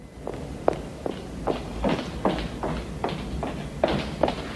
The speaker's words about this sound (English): She walks down the corridor briskly, putting on her coat.